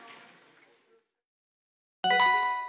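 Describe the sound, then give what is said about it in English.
A soft, fading murmur of background noise gives way to a short silence, then a bell rings out loud with a bright, sustained metallic tone. “Hey, there's a bell. We better go.”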